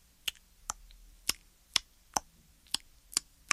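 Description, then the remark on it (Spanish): Eight sharp finger snaps sound at a slow, slightly uneven pace, crisp against near silence, mimicking the first scattered drops of a light rain. “Una tarde empezó a llover poco a poquito.”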